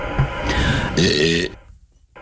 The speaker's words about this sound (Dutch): De vraag is, van welke BN'er is nou die onsmakelijke boer? Luister nog even goed. Dit is de boer van een BN'er.